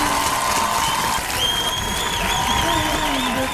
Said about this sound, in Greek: Ξέρεις τι, θα με χειροκροτήσω. Χειροκροτήστε τον για αυτή την έρευνα.